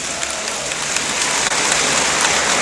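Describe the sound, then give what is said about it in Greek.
A basketball arena crowd claps steadily as Aris player Mitrou Long goes to the bench after his third personal foul, a dense, even wash of many hands that holds at a constant fairly loud level for the whole stretch, with no voices standing out. “Πέντο χειροκρότημα ο Μίτρου Λόγκ.”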